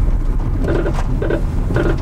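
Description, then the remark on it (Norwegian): A car making a faulty noise: a low, steady engine rumble with three squealing, groaning bursts repeating roughly every half second, fairly loud. “Hører vi en bil som ikke blir EU-godkjent?”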